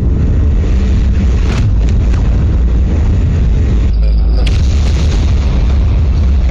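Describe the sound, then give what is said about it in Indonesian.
A powerful bomb explosion from an Israeli strike on an apartment in Gaza City, Palestine, rumbles loudly throughout, its deep boom sustained with heavy low roaring and bursts of crackling debris-like noise, overwhelming, with no voices. “Dahsyatnya ledakan bom membuat satu keluarga termasuk janin menjadi korban kekejian Zionis Israel.”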